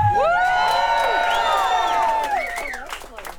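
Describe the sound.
A live crowd cheers and whoops loudly, with many overlapping voices rising and falling in excited shouts, steady throughout and tapering slightly near the end.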